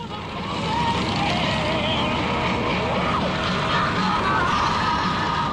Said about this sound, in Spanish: Luego de disfrutar las calles de esta ciudad, este Madrid nocturno en motocicleta